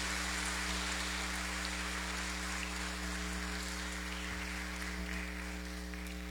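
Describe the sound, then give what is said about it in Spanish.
At a Sunday Mass, an audience applauds the day's birthday celebrants in a steady, dense patter of clapping that holds for about six seconds, with a low electrical hum underneath and no voices. “Hermanos, a los cumpleañeros de este domingo los felicitamos con un fuerte aplauso.”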